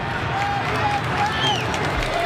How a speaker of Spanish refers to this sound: De hecho, los aplausos que ustedes escuchan en el ambiental de Cooperativa que maneja Pedro Fuentes acá en el estadio de Colo Colo es porque el equipo acaba de reaparecer en el terreno de juego sin cambios